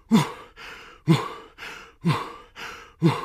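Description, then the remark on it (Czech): Loud, heavy huffing and puffing in a steady rhythm, about one strong breath per second alternating with softer ones, breathy with no other sounds around it, made by someone running around the whole zoo in the evening. “A jak tak jdou na ten večerníček, uslyší všichni nějaké hrozné funění.”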